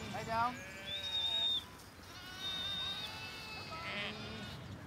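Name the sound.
texel sheep bleating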